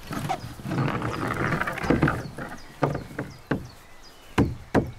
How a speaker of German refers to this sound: Okay, ich würde die ein bisschen hochhämmern, auch wenn es unten noch nicht ganz bündig ist. Hammer kommt.